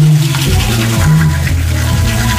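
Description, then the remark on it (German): A steady, loud hiss of shower water runs throughout while someone hums a wavering melody of a song over it, the tune shifting pitch every half second or so. “Du kommst aber nur hin, wenn du diesen einen Song erkannt hast, den ich heute Morgen unter der Dusche gehört habe.”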